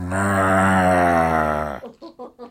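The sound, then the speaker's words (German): A cow on a green meadow gives one long, loud, low moo lasting nearly two seconds, steady in pitch, then a few short voiced sounds follow. “Auf der grünen Wiese macht die gerade.”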